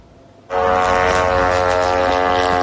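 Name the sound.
drone propeller buzzing overhead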